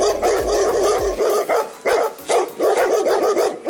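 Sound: dogs barking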